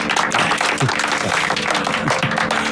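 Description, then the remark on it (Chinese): A group applauds the commissar steadily, dense clapping filling the whole stretch at an even, moderately loud level, with a few faint voices mixed in underneath. “给政委鼓掌。”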